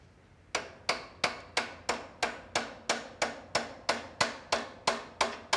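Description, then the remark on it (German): A small hammer taps metal in a steady run of about fourteen sharp, ringing strikes, evenly spaced, each blow decaying quickly before the next, many small blows struck to loosen rust. No one speaks. “Gib mir mal einen kleinen Hammer. Viele kleine Schläge. Lösen Rost.”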